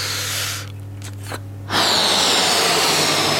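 A steady, breathy rush of air blown into a balloon, loud, starting after a brief pause and continuing as a constant hiss over a low background hum.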